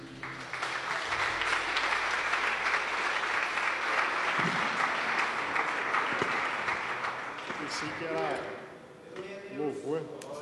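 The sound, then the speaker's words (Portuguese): A church audience claps loudly and steadily in a dense, sustained burst of applause welcoming a preacher, which fades near the end, giving way to a voice speaking. “Vamos receber o servo de Deus com palmas bem forte para Jesus.”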